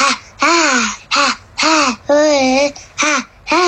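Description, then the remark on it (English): A 7-year-old boy from Bucharest sings in a rough, growly monster voice, six loud raspy bursts separated by short pauses, with no other sounds around them. “am 7 ani și eu vreau să cânt ca un monstru așa.”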